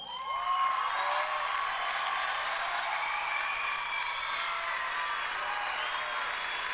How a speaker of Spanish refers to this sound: El caballero, aplausos.